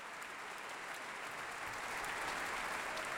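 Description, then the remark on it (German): A concert audience applauds soloist Emmanuel X, dedicatee of John Williams's Concerto for Piano and Orchestra. The clapping is a dense, even wash that swells slightly louder toward the end, with no voices standing out. “Applaus für Solist Emmanuel X, dem Widmungsträger des Konzerts.”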